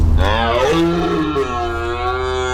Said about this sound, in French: C'était le brame du cerf.